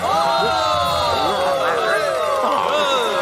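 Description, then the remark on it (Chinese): An awards-show crowd cheers and whoops continuously for a nominee, the dog Odie, many voices overlapping into a loud, steady roar of approval with scattered shouts rising above it. “别再鼓掌了，狗狗欧弟代表作《欧弟打瞌睡》。”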